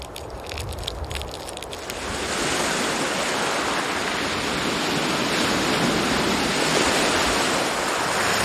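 Ocean waves wash into a mangrove forest as the tide rises, a steady, broad hiss of churning water, swelling after a couple of seconds and holding at a full, even roar. No voices.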